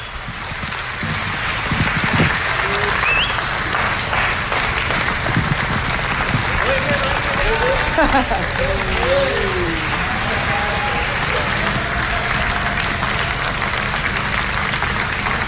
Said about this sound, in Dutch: Dankjewel voor deze prachtige avond. Mag ik nog één gigantisch applaus voor Christiaan Keuvenhoven, het Kennemer Jeugdorkest.